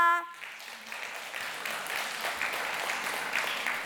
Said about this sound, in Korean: 이제 오늘 공연의 마지막 무대입니다. 아주 흥겨운 무대가 기다리고 있으니 마지막까지 뜨거운 박수와 응원을 부탁드립니다.